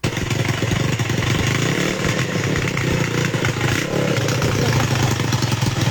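A small motorcycle-type engine runs steadily up close, its loud buzzing drone continuous with a rattling, clattery edge throughout, no pauses or revving changes.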